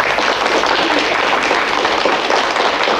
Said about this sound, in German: Jetzt stellt er sich erst einmal kurz vor. Applaus für Damien.